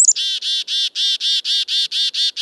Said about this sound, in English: When there's danger nearby, black-capped chickadees make a distinctive alarm call. In fact, chickadee alarm calls are understood by dozens of other species, including birds and birders.